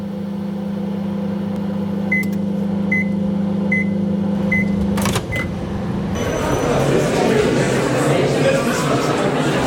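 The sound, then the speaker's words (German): A microwave oven heating popcorn hums steadily, then five evenly spaced beeps sound before a sharp click. A louder, broad rustling noise follows to the end. “Ich stehe vor der Mikrowelle und warte auf meine Popcorn.”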